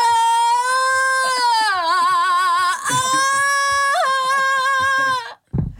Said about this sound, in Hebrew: של רוק, כמעט רוק כבד. רוק סימפוני. בוא נשמע, שאת שרה?